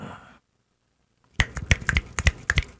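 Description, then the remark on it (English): After a brief faint hiss and a moment of silence, a rapid burst of sharp finger snaps follows, crisp and uneven, as if several people are snapping together. “Is that what they do to snap your fingers at those?”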